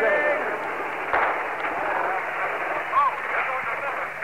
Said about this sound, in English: There goes a big blast. Right into the crowd. The crowd is trying to retreat.